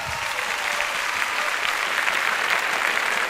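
An audience applauds steadily, a dense wash of many hands clapping at an even, sustained loudness for a few seconds without any talking.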